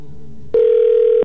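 A telephone ringing on the line during a call placed live on the radio station Cristal 93.3: one steady electronic ring tone, loud, lasting under a second after a brief stretch of quiet background hum.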